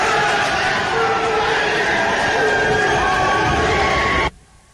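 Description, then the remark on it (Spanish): Colombian senators applaud and cheer loudly in favour of Dr. Enríquez after a vote, a dense, continuous roar of clapping and shouting voices that stops abruptly just before the end. “Este es un instante cuando estaban celebrando todas.”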